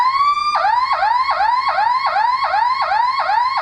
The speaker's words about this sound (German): Und dann gibt es noch diese sogenannte Sirene, das hört sich dann quasi so an.